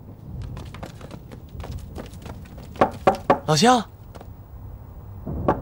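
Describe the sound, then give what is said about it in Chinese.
Repeated knocking on a wooden village door by Railway Guerrilla Team members in Chen Village, calling for villagers to open: scattered light raps, then three hard, loud bangs in quick succession, with a brief shouted voice and background bustle around them. “洪哥，我那边敲不开。”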